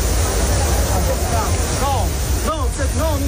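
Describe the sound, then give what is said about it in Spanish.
Water in the Trevi Fountain splashes and rushes steadily as a tourist swims in it, with a crowd of onlookers murmuring underneath and a few louder voices calling out near the end. “una turista ha saltado las barreras de la Fontana di Trevi para bañarse y para refrescarse”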